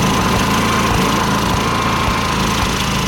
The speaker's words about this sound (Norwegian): Det tror jeg er aggregatet som står og går.